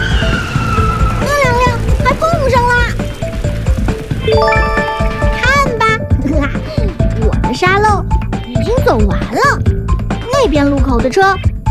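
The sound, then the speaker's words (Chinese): Steady rumble of jammed, disorderly cars cutting in at a road intersection fills the background while people talk over it, with a sustained horn-like tone sounding briefly partway through. “你再看那些车，乱七乱插的。”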